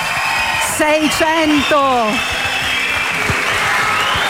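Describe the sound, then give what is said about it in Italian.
A crowd of about 600 young people from across Italy claps in a steady rhythm at the Disconnect Day event at the University of Foggia, a dense sustained patter with some voices rising and cheering briefly over it. “Gli applausi che avete cominciato a sentire, i ritmati, sono di questi ragazzi meravigliosi.”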